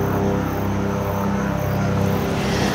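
A loud, steady rotor-engine drone fills the whole stretch, a continuous low mechanical roar of a helicopter arriving overhead near the village of Siabrubisi to drop off a group of emergency workers, with no talking.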